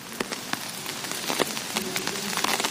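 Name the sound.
rain falling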